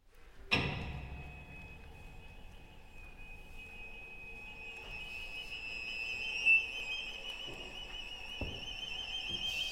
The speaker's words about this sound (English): Somebody that closes the doors, and now he goes away, and now they come some robbers.